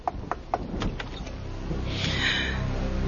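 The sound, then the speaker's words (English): A law enforcement officer knocks at a door: a quick series of about five sharp knocks rapping at a steady pace, followed by a soft, breathy whoosh of noise swelling up after the knocking stops. “The people in my life are used to hearing my knock at the door.”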